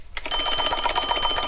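An old farmhouse clock's alarm bell rings loud, a rapid metallic clatter that kicks in after a brief silence and keeps ringing steadily to the end, with no voices.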